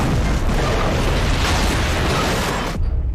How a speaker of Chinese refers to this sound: 炸弹在乘客上车后不久就爆炸了。